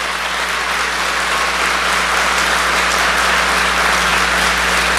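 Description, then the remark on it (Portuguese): Sustained applause from a large audience, steady and loud for several seconds, a dense wash of clapping hands with no voices standing out. “Pode aplaudir, pode aplaudir, pode aplaudir, pode aplaudir.”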